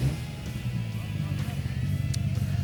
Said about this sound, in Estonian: See laulis juba päris kenasti see auto, ja. Siin kiirendades seda sirget tänavat pidi.